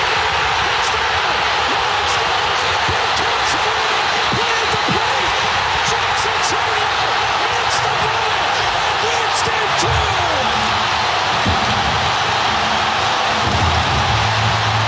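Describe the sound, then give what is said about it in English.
A huge stadium crowd at a Milwaukee Brewers baseball game roars in loud, sustained cheering after Chourio hits the ball hard, a dense unbroken wall of noise with scattered sharp whistles and shouts rising above it. “Was one of the biggest eruptions by a crowd I have ever heard, partially because it's a starved for winning a championship Milwaukee Brewers best record in baseball this year.”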